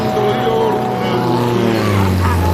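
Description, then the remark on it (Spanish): A light propeller plane drones steadily overhead, its buzzing engine hum loud and continuous, with a slight shift in pitch as it passes. “has visto una avioneta a estas horas? Qué raro por aquí.”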